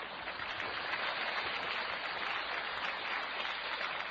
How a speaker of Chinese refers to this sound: 您这鼓掌什么意思？ 我让你跟我学几句。